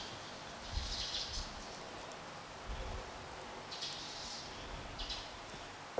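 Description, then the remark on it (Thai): Soft, wet scraping and squelching as a spoon works the pit loose from a ripe avocado cut in half, with a few quiet bursts of scraping and low thuds over a faint hiss, no talking. “เตรียมก็คือผ่าอะโวคาโดออกครึ่งนึงเลยใช้ช้อนนะคะแกะเม็ดออกก่อน”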